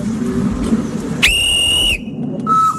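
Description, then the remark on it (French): A steady, high whistle blast from a steam locomotive more than 110 years old named Simone sounds for under a second over a low rumbling background, then a shorter, softer tone, as the small tourist train departs on a tour of the Fort d'Uxenier. “On peut faire un tour du fort en petit train dans une locomotive qui a plus de 110 ans et qui s'appelle Simone.”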